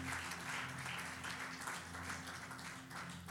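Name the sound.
church audience applauding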